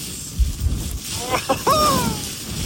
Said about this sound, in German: Müsst ihr euch vorstellen, dass dieser Schnee ihm wirklich ins Gesicht pfeift, weil so ein Stürmchen noch dabei war. Bei uns läuft hier die Heizung auf 5, aber allein wenn ich diesen Wind höre